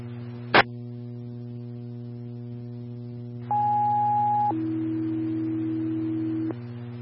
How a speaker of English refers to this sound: Farmington Ladder 1, tones for fire assist near Boyd Park, 700 South Miller. Again, Ladder 1, tones for fire assist, Boyd Park, 700 South Miller Avenue.